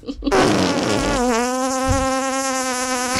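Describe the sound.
A voice makes a long, sustained fart noise by mouth, a steady nasal buzz that whines like a mosquito, fairly loud, with no talking over it.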